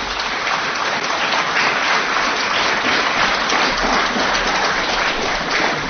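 An audience applauds steadily, a dense, even wash of many hands clapping at a constant loud level for the whole stretch, with no voices heard over it.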